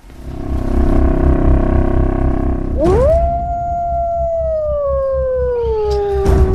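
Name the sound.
wolves howling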